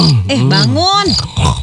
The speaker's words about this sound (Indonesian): Ih, kamu tuh tidurnya ngorok. Hey, bangun.